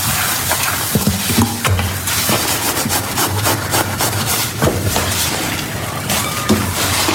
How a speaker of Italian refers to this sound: Va bene, oggi c'è la tecnologia, c'è la lavastoviglie, però una volta si lavava a mano, anzi ancora alcune persone lavano i piatti a mano.